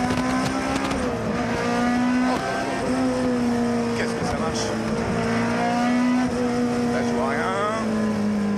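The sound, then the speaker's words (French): A sports car engine roars steadily and loudly on a track, its pitch dipping and climbing between gear changes, with a quick run of rising revs near the end. “Le son est juste fabuleux. C'est une boîte à plaisir cette voiture.”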